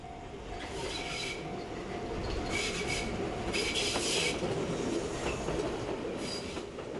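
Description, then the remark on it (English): A train rolls steadily along the rails from central Kamakura, Japan, toward Kotoku-in Temple, with a constant rumble, while metallic wheel squeals and screeches rise intermittently above it midway through. No one speaks. “From central Kamakura, the train ride and walk to Kotoku-in Temple takes about 15 minutes.”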